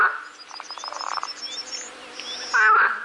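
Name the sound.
frogs croaking loudly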